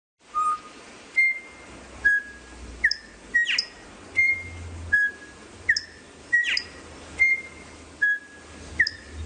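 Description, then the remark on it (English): A male songbird sings a series of clear, pure whistled notes at varying pitches, repeated in a steady rhythm, fairly loud over a faint low background hum. “Here's an example of just musicality of a male song.”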